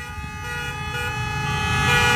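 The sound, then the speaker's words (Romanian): A sustained car horn from passing cars on Vasile Milea street in Cluj blares steadily over the rumble of street traffic, holding a strong tonal note with harmonics that grows slightly louder toward the end, with no talking. “Hai, mașinile care trec pe Vasile Milea să dea claxoane!”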